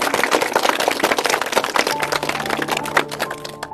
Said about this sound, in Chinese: 好，来，我们鼓掌欢迎。